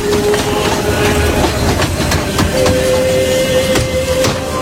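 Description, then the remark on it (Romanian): A train carrying deported men from Tighina and Lăpușna counties rolls steadily along the rails toward Ivdel, beyond the Ural Mountains, with a continuous rumble and repeated clickety-clack of wheels over joints, a faint metallic squeal drifting through. Loud, with no voices. “După câteva săptămâni, trenurile cu bărbații ridicați din județele Tighina și Lăpușna au ajuns la Ivdel, un oraș situat dincolo de munții Orali, în apropierea paralelei 61.”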